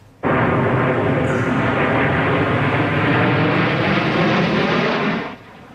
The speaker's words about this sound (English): But with that, though, some high-powered planes will be taking the skies in just a couple of hours.